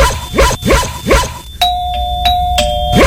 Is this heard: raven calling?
no